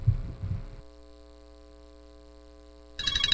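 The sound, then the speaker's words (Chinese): A steady electronic ringtone chime sounds for about two seconds at moderate volume, preceded by a couple of soft low thumps and cut off by a sudden burst of noise; a phone ringing with an incoming long-distance video call from a daughter in Italy. “咦，老婆，个女用视像打长途电话翻嚟、啊。”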